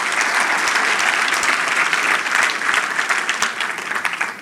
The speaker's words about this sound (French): Qui ça fait plus de 50 ans? Lève la main. Wow! Je pense que ça mérite un main d'applaudissement.